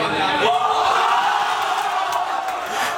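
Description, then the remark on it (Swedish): A huge football crowd roars in celebration of Yassin Ayari's second goal, making it 5-1, a dense, sustained wall of cheering and shouting that stays loud and steady throughout, with a sharp swell of voices near the start. “Det här var så måljublet från 5-1, eller hur?”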